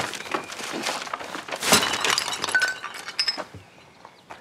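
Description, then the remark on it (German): A glass bottle of sparkling wine (Sekt) smashes with a loud crash, followed by a scatter of tinkling shards and fizzing liquid spreading across the floor, with no voices during the break. “Ups. Deswegen von unten nehmen.”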